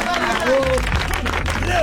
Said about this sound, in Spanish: Fuerte el aplauso para Mariano Pelufo.